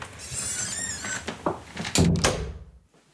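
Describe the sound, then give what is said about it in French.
A room door in a house creaks on its hinges, then shuts with a few solid knocks and a latch-like thunk, followed by quiet. It is the only door in the house that is kept permanently closed. No one speaks. “Là, c'est la seule porte de la maison qui est fermée en permanence.”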